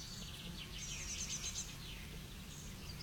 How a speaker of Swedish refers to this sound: Solen har gått upp för en stund sen och då borde skatan... Ja, där kommer skatan. Den flyger mot trädet.